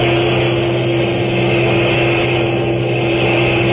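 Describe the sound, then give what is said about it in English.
Heavy trucks of a long German military motor convoy roar past in a steady, loud engine drone with a deep throbbing hum that holds constant throughout, without rising or fading. No voices. “A few minutes later, she heard a low, throbbing roar, and around a bend in the road, the first heavy trucks of a long German motor convoy roared into view.”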